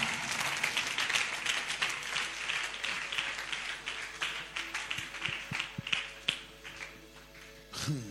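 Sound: audience clapping hands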